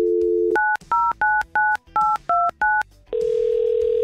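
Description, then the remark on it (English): A steady dial tone gives way to seven short, evenly spaced touch-tone beeps as radio station 100.7 The Wolf dials a contest winner, then a long steady tone follows. No one speaks. “Let's call up a winner.”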